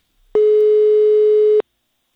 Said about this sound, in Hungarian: Ott vagyunk az őrtilosi polgármesteri hivatalba. Nem hiszik, hogy reggel fél 8-kor szól a telefon.